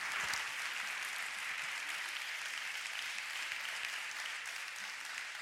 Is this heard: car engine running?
no